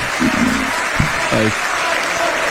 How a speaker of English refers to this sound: Stop applauding.